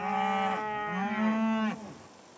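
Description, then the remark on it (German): A single long, drawn-out moo from a Longhorn cow on a farm pasture holding 12 cows with their calves and a large breeding bull, about 500 meters from the farm; loud, rising slightly partway through before cutting off, with a quiet outdoor background afterward. “Auf den Wiesen der Familie Primär weiden rund 100 Longhorn-Rinder”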